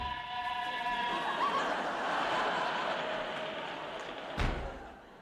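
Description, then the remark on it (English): A door slams shut once, sharp, near the end, cutting through a steady roaring rumble with faint whistling tones running underneath throughout. “Quick, open that door.”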